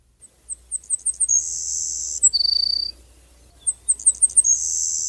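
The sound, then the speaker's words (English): Savannah Sparrow song heard twice: a series of thin, high chips speeding up into a sharp insect-like buzz, then a lower buzzy trill, clear with a faint low hum behind. “let's hear about a former mystery guest from Dave Fifield, the Savannah Sparrow”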